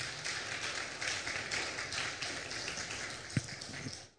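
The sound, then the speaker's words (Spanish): An audience applauds for the Lord with dense, steady clapping that holds at an even level for about four seconds, one sharper clap standing out near the end before it stops. No one speaks. “Un aplauso, por favor, para el Señor.”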